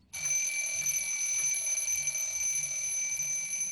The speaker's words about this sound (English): At 5 o'clock, when the alarm clock rang, Mr. Ngube didn't wake up.